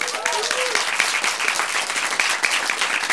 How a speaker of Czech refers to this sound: Veronika Sirotková, obrovský potlesk ještě jednou.